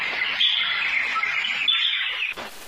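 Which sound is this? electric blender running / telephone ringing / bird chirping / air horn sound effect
bird chirping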